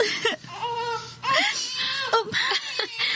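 A newborn baby cries in short, high wavering bursts, fairly loud, with brief gasping pauses between the wails and no one speaking over it.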